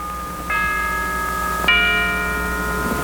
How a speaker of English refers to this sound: I like to hear the church bell, don't you, Grandfather?